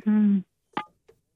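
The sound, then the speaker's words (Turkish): A short, steady electronic phone tone sounds for under half a second, followed by a couple of faint clicks and blips, a phone call attempt that does not ring through. “Evet, çalacak inşallah bu sefer. Yok abi, yok yok, olmuyor.”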